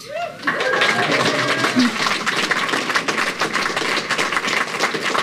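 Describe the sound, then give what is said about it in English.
A crowd breaks into sustained applause for NASA's Artemis II mission: dense clapping fills the whole stretch at a steady loud level, with a brief voice at the very start before the clapping takes over. “Love the round of applause.”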